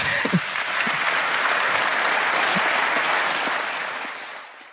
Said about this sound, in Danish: Det var nok også en af de større klapsalver på årsmødet.